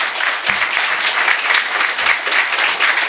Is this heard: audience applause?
yes